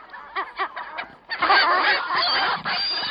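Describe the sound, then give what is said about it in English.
Birds calling outdoors on a deserted campus: a few short, evenly spaced honking calls, then a loud, dense burst of many overlapping squawks and cackles. “Campus is kind of deserted except for all these birds up here.”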